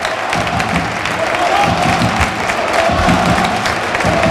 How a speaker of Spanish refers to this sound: Y en estos momentos el colegiado decreta el final del primer tiempo y así aplaude el Arcángel a sus jugadores.